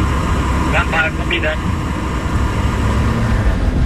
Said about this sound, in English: Two drones right side of the road. In vicinity of Al Mansour, and we took pictures of them and we are ready to go.